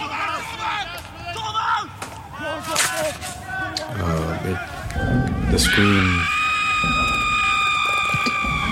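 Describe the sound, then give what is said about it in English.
Jumbled vocal sounds give way to a loud, sustained human scream that holds a steady, shrill pitch for about three seconds until the end. “The scream.”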